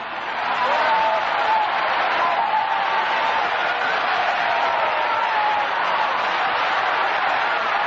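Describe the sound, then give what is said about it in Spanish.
A large crowd claps steadily and loudly to applaud God, a dense wash of applause that holds for the full stretch, with faint voices mixed into the din. “Aplaude a Dios, aplaude a Dios esta noche, apláudelo. Que con tus palmadas salen los demonios, porque tu palmada está ungida por el Espíritu Santo.”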